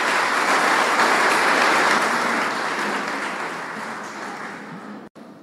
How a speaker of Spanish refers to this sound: Voy a darle un aplauso fuerte al Señor. Dale un aplauso, si es para Él, suéltalo con alegría.